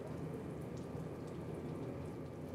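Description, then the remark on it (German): Liquid spurts and gushes steadily from an opened valve, a dense, continuous rushing noise with a heavy low rumble that holds at an even loudness throughout, with no voices. “Und dann mache ich den auf. Das kann jetzt ein bisschen spritzen, ein bisschen vorsichtig.”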